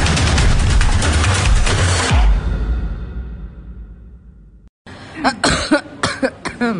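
After a loud burst of noise fades into silence, a woman coughs several times in a quick, rough, fairly loud series, from cigarette smoke drifting from the living room into her bedroom.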